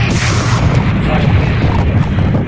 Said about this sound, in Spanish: Ahí sí se escuchó. Tremenda explosión que se escuchó ahorita aquí en el proceso.